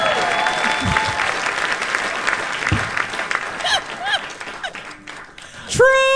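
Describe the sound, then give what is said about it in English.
An audience gives Nick Cho and Lonnie Love a round of applause as the final score is tabulated, a dense, steady patter of many hands, with a few whoops and cheers sliding up through the clapping and a louder cheer near the end. “Let's give Nick Cho and Lonnie Love a nice round of applause”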